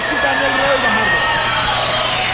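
A crowd cheers and applauds, a loud, steady wash of clapping and shouting with scattered whoops rising over it, lasting the whole couple of seconds.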